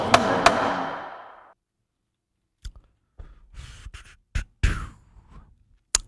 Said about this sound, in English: Yep. That's one we produce just about every day around here. That particular sound, wadded up piece of paper being slam dunked into a trash can.